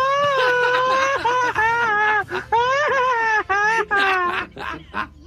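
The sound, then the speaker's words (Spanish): A loud, high-pitched Mexican grito yell delivered machine-gun style, a long sustained cry breaking into rapid, stuttering bursts of whooping syllables, with no other voices. “Pero no, no haga usted el grito ametralladora. Eso es de profesionales.”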